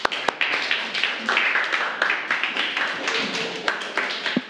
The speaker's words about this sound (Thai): ปรบมือให้กับกลุ่มนี้ของเราค่ะ